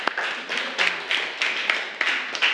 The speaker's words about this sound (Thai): 10x ลบ8หน่วยถูกต้องไหมคะถูกต้องถูกต้องค่ะโอเคปรบมือให้กับเพื่อนของเราค่ะ